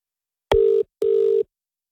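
Two short, steady electronic telephone tones sound back to back, a brief beep followed by a slightly longer one, as a phone call connects and rings, with no voices.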